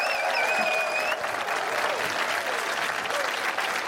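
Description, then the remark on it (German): An audience applauds a musician with a new album, clapping steadily in a dense, continuous wash of applause, with a few high whistles ringing out during the first second before fading under the clapping. “Applaus, das wäre drin.”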